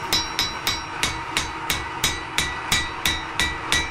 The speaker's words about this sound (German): Wir waren am Wochenende in einer kleinen Schmiede. Danach klingt das. In Hammerbrücke.